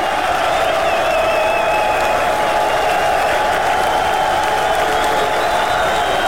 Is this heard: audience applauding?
yes